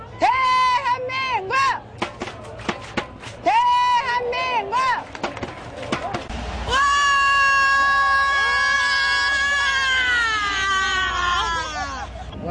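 An excited fan lets out a string of high, warbling yelps and squeals, then breaks into one long, loud, sustained scream close to the microphone that holds for several seconds.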